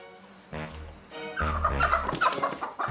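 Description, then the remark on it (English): Chickens cluck and squawk in a steady, crowded chorus in a poultry farmer's stall in Hesse, with several birds calling over one another, growing busier and louder through the second half. “Poultry farmers no longer have to squeeze their chickens into boxes for transport. The slaughtermobile comes straight to their stall.”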